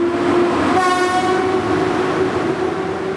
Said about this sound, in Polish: Pociąg niespieszny zakończy swoją trasę przed 21 na stacji Warszawa-Gdańska.